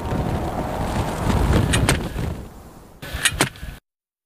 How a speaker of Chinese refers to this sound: 宁静的沙漠景致很快就被打破了，沙丘上的沙粒开始不停地翻滚。一场大风正在袭来。